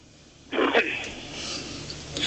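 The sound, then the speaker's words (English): A male radio call-in caller from Maine clears his throat in one short, raspy burst, followed by a steady breathy hiss, heard over a phone line. “Clear your throat.”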